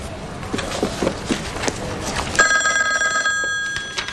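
A few soft footsteps and clatters, then a telephone starts ringing about halfway through with a steady, bright trilling tone that carries on to the end, clear.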